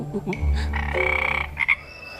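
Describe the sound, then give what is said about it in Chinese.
A frog croaks loudly, a deep resonant call with a rapid pulsing rattle, followed by a couple of short chirps near the end. No one speaks. “青蛙你也怕呀？”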